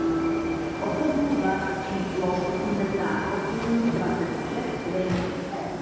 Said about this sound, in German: Eine Kneipe im Masarykovo Nádraží, einem Bahnhof mitten in Prag. Hier gibt es tschechisches Bier vom Fass, seit kurzem auch alkoholfrei, Schnitzel und gebratenen Käse. Es ist voll, wie jeden Abend.